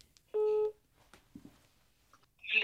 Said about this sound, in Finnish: Valitsen numeron ja soitan nauvoon.